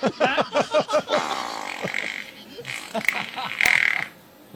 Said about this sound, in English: Hey, who do you want to fart on? I want to do two farts if possible.